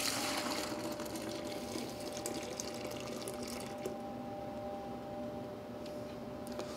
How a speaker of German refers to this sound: Hier haben wir die Stärke und das Wasser. Das gebe ich jetzt in einer Mensur.